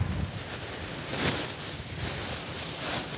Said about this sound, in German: Ja, ist sehr windig heute.